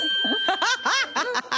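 A bell rings with a steady, sustained high tone that lingers throughout, while several bursts of lively laughter break out loudly over it.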